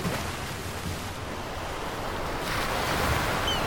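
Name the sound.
sea waves and surf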